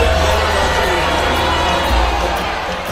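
A large crowd of protesters boos loudly at a public meeting where officials vote on a proposed project, a dense, continuous wall of jeering voices that holds steady for a few seconds with no clear speech.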